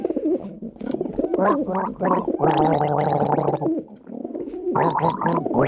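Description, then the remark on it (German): A person gargles water, producing bubbly, throaty bursts with a wavering, cooing pitch, a steadier stretch in the middle, and no speech. “Selbstverständlich, hier sind die Vogel und du darfst gurgeln.”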